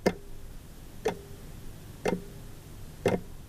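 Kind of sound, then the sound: household object, clock ticking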